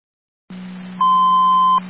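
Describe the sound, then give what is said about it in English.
A steady low tone sounds, then a higher sustained tone joins it for nearly a second before dropping away, a loud, clean two-tone fire dispatch paging alert, the second set of tones to Miller Hose for a medical alarm activation at 2611 Howard Street, with no voices. “second set of tones for the medical alarm activation, 2611 Howard Street, 2611 Howard Street between Karen and Corwin for the med alarm, no contact.”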